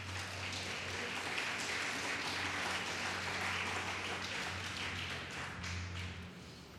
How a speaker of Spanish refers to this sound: Eso lo hace el Señor, denle un fuerte aplauso a Cristo.